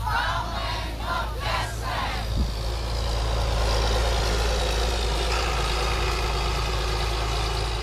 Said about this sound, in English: A multitude of farm machinery, tractors, spray rigs, headers, you name it, we've got it here.